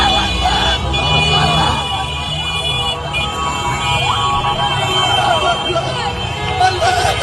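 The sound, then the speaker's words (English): A loud, dense crowd in Gaza City cheers and shouts continuously outdoors around a crying man, many voices overlapping into a roaring hubbub, with traffic-like rumble and faint siren-like tones underneath. “This guy's crying and everybody else is cheering all around him.”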